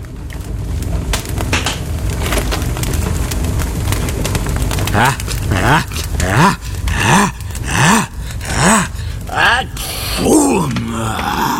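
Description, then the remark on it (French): A low rumbling backdrop gives way to a series of about six loud, deep groaning bursts of a whale sneezing, each swooping up and down in pitch. “J'ai une idée, faisons du feu, la baleine éternuera et nous recrachera.”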